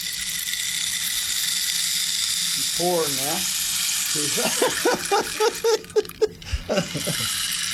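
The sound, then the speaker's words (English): A rain stick being turned pours out a steady, dense hiss of tiny pattering grains, continuous, while a man's voice talks over it in the second half. “I'll play the rain stick.”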